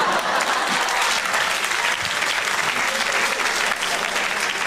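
An audience at a stand-up comedy show claps steadily and loudly for several seconds for a woman's birthday, a dense, continuous patter of many hands with no voices standing out.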